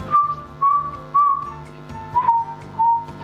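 Someone whistles a simple melody during a live on-air broadcast, clear pure notes gliding around a steady pitch in short phrases with brief pauses, over a faint background of low sounds and no speech.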